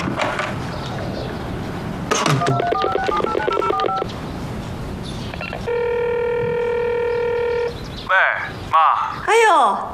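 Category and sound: household object, telephone dialing and ringing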